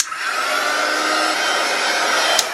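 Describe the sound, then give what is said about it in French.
A hot air gun heats a smartphone to loosen its screen for removal, in a phone repair shop in Laval. It blows in a steady, loud roar with a faint whining tone, running continuously without pause; a brief click sounds near the end, and no one speaks. “C'est pas un sèche-cheveux, mais ça y ressemble quand même au niveau du bruit et même de la forme.”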